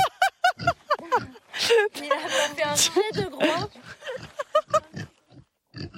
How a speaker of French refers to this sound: Ça pourrait être un troupeau de cochons, mais c'est vrai, c'est un troupeau de cochons itinérant. Bon, là, c'est un tout petit troupeau, mais nous, ils sont juste pas assez nombreux pour le moment.